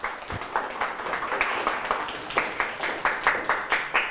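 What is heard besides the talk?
classmates clapping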